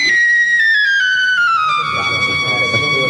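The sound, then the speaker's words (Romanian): A loud whistle sounds one long continuous tone that glides downward in pitch over a couple of seconds, then holds steady to the end, with no talking. “Ce se aude? Un fluier, augustitate.”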